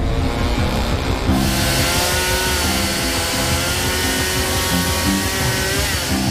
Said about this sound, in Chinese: 就在我以为情况不会更糟时，远处传来了电锯的声音。